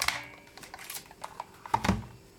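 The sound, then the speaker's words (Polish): A few light plastic clicks from a handheld label maker as it is pressed, followed by a sharper snap as the plastic label tape is cut, fairly quiet with no talking. “Jeszcze raz pokazuję dźwięk naciśnięcia i dźwięk przecięcia.”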